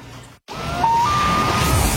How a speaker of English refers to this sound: Sound of the loon means it is time for Cottage Country Traffic on the Nines.